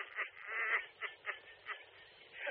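A goose honks repeatedly in quick, uneven bursts, loud, with about six raspy calls packed into a couple of seconds and no talking.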